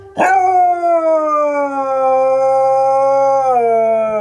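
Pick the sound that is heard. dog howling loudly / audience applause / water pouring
dog howling loudly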